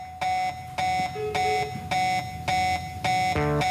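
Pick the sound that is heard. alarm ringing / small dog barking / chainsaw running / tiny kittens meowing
alarm ringing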